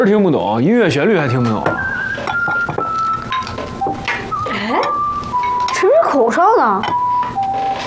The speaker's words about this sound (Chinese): 哎，谁吹口哨呢？ 大冷天的在街上吹口哨，不有病吗？ 但你别说啊，吹的还挺好听。